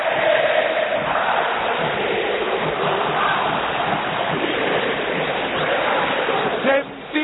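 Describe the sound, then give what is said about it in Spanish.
A huge crowd of River fans at River's Monumental football stadium in Argentina roars in a dense, steady wash of voices that stays loud throughout, dipping briefly just before the end. “Metete en esta atmósfera sonora de la cancha de River.”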